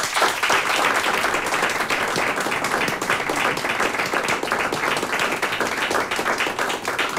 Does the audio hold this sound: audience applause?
yes